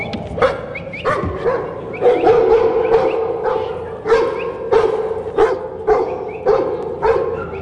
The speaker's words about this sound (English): Oh, that's pretty good. Didn't stay on the truck, but came to bark up for his old mate, proper working dog.